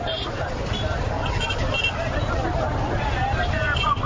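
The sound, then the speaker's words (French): A busy market street at the Kilomètre 5 market in Bangui: steady crowd babble mixed with the rumble of passing vehicles and motorcycles among pedestrians, a dense and continuous din with no single voice or vehicle standing out. “Sur l'avenue Kodoukou, la circulation des véhicules, des motos et même des piétons est fortement perturbée.”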